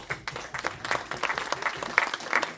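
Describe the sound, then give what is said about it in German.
An audience at a jazz club event applauds the sound technician in a steady, dense burst of many hands clapping, moderately loud and sustained throughout with no talking. “Einen großen Applaus.”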